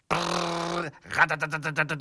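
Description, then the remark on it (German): A voice imitates a printer printing: a steady, loud hummed drone, a brief pause, then a quick run of rhythmic buzzing pulses, roughly eight in a row. “Ein Drucker macht so.”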